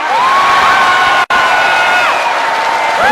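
Loud, sustained audience applause and cheering at a stage performance, as the performer asks the women in the audience to clap, fill the whole stretch, with high shrill whistles and whoops gliding over the clapping and a momentary cut in the sound partway through.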